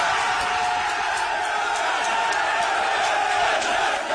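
Teammates cheer and shout at once as the national team coach announces a player's name in the World Cup squad: a loud, dense roar of overlapping voices with whoops rising out of it, sustained and unbroken. The player is the captain of Torriense, the Torres Vedras club.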